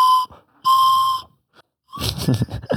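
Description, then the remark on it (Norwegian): Two bright, sustained flute notes play, a short one and then a longer held tone, followed after a pause by a burst of breathy, airy blowing. “tror dere klarer en tøyenholding-sang på fløyta?”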